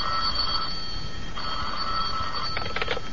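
A telephone bell in the office of John J. Clyde, attorney at law, rings in two long, buzzing bursts, followed by a shorter rattling trill, heard clearly and alone against a steady background hiss.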